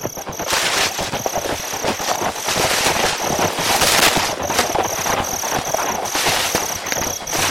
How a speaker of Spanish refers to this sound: ¡Cascos de caballos!